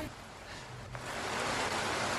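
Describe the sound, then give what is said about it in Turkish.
Rain falls in a steady, dense hiss with no separate drops standing out, swelling slightly louder about halfway through and holding there. A faint low hum sits underneath. “Yağmurun sesine bak.”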